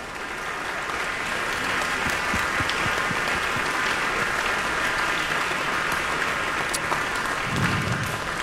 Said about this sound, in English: Let's have one more. Okay, we want another round of applause for the Canton Symphony Orchestra, who are here with us, conducted by Maestro Stephen Baez.